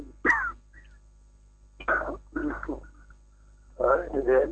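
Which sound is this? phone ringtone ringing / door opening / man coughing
man coughing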